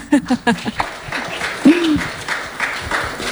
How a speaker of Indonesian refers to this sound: Tapi sebelumnya berikan tepuk tangan dulu dong kepada narasumber kita.